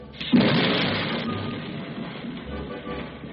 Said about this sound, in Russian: Попросите вашего Бога прекратить этот ужасающее громыхание и град, и я дам вам разрешение пойти в пустыню, чтобы поклониться вашему Богу и принести ему жертву.